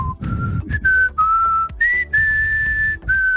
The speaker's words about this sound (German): ich muss einfach mal selbstbewusst sagen, ich finde, ich kann pfeifen. Also.